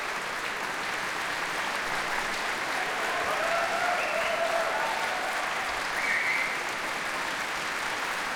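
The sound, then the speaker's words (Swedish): Sustained applause from a large audience in Berwaldhallen, broadcast live on P2, as the whole orchestra, ensemble, radio choir and soloists stand to receive it; a dense, steady wash of clapping at an even level for the whole clip, with no voices standing out. “Hela orkestern och ensemblen, radiokören och solisterna som nu kommer in på scen också står upp och tar emot applåderna i en väldigt månghövdad Berwaldhall här ikväll.”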